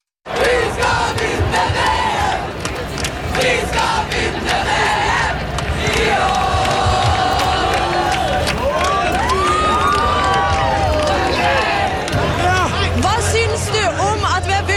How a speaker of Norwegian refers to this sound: På det meste var det rundt 100 000 mennesker, ifølge mobilsignaler, fikk NRK opplyst av politiet. Det var roing, synging og jubling for å feire seieren over Brasil.